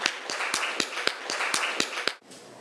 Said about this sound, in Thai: มาปรบมือให้กำลังใจตัวแทนจากกลุ่มที่สองหน่อยนะคะ